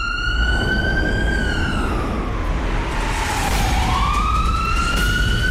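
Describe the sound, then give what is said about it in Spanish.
An ambulance siren wails loudly and steadily, its pitch sliding slowly down and then rising again, over a low rumbling traffic-like background with no voices. “Es que como no hay un sonido de sirena como tal, le puse sonido de ambulancia.”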